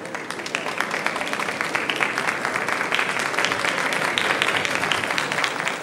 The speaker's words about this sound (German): Der Beifall der Gäste grüßt nun Erich Honecker, Willi Stoph und Horst Sindermann